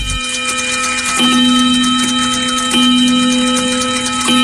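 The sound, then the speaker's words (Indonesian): A wall clock alarm rings loudly and continuously at 6 a.m. to wake the room's occupant for school, a steady buzzing tone with metallic overtones that surges in a repeating cycle roughly every second and a half. No one speaks. “Mendengar dering jam dinding yang nyaring, pemilik kamar langsung terbangun dengan segar, memakai seragam dan tidak terlambat ke sekolah.”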